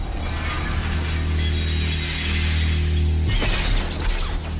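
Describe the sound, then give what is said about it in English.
A glass observation window shatters in a loud burst near the end as someone smashes through it into a control room, shards of glass scattering and crashing over a steady, deep mechanical hum and dense rumbling noise that fills the whole scene. No one speaks. “Her face contorted with rage, she smashes through the observation window into the control room.”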